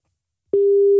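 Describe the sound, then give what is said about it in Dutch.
After a moment of silence, a steady, clear electronic telephone ringing tone starts and holds unbroken as an outgoing call to a landline rings. No one speaks. “de telefoon gaat nu over.”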